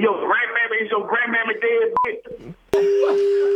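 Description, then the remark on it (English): Muffled voices give way to a brief electronic keypad beep and clicks as someone dials a phone to call a person back, then a steady telephone tone holds loudly to the end. “He got mad. Let's call him back. Here we go.”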